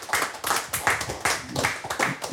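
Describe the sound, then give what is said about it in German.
Applause from a live audience: a dense, steady patter of many hands clapping at once, fairly loud and sustained throughout, with no voices standing out. “wir wollten nicht nur mit diesem Beifall zeigen, dass wir tatsächlich ein kleines Live-Experiment starten, sondern auch wirklich die sehr schöne Live-Situation hier verdeutlichen.”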